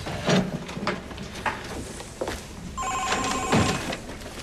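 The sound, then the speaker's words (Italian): A few dull knocks and shuffling sounds give way to a telephone ringing, a steady bright ring filling the last second and a half, clear. “Il telefono.”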